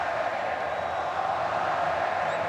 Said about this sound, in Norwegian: Hør publikummet til Colombia juble for hver pasning som sitter nå.